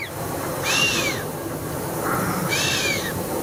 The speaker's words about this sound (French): Encore un mammifère, et il fait ça avec le nez. C'est le chamois. C'est le chamois qui souffle comme ça en sifflant. Il joue de la trompette, du casou.